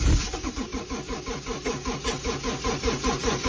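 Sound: car engine starting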